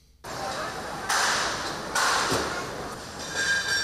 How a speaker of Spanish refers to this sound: Eso que escuchan es el montaje de las carpas de las chosnas. Bilbao ha comenzado ya a transformarse en las primeras labores de montaje de esas carpas y chosnas que van a ocupar el recinto festivo durante la Semana Grande bilbaína.